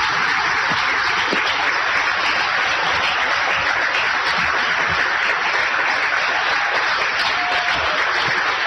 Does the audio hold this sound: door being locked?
no